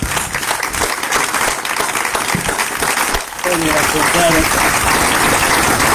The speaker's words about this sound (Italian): Un applauso speciale al nostro Silvio.